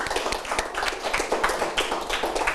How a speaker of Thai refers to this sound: ไม่เคลื่อนที่นะถูกไหมครับเอาล่ะนั่งลงครับโอเคถูกต้องครับนักเรียนปรบมือเพื่อนด้วยนะครับ